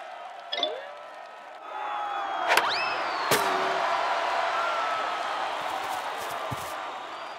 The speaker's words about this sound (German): Oh, wo kommen denn all diese Menschenmassen her?